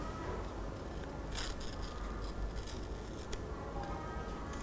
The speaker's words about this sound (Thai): เดี๋ยวคุณครูจะสาธิตเพิ่มเติมอีกหนึ่งครั้งค่ะเด็กๆหยิบกระดาษขึ้นมาค่อยๆฉีกกระดาษค่ะเห็นไหมคะเรานะคะค่อยๆขยับมือค่ะค่อยๆขยับมือแบบนี้เลย